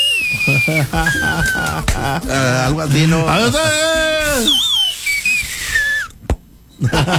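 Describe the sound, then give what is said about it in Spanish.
A person whistles a few sliding, shrill tones in the style of a street vendor's whistle, while people talk and laugh over and between the whistles. “Los chifladores, carnal.”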